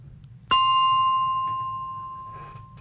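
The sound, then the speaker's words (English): A single bell is struck once as a segment break, ringing out clearly with bright metallic overtones and a long, slowly fading decay over a low, steady background hum. “A bit of a bell to break things up.”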